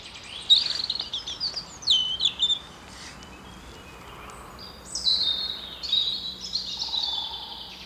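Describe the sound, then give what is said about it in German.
Small birds sing and chirp in a quiet forest, their high, thin phrases coming in short overlapping bursts over a soft, hushed background. No one speaks. “Und dann natürlich schon auch die Stille, trotz der kleinen Vögel.”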